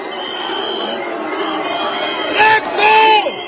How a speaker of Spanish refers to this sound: Escuchá cómo los abuchean, ¿no? Salen ahí y les gritan. Y parece que están muy contentos igual. Ahí está Rutte. El canciller alemán, el de Holanda, le gritan.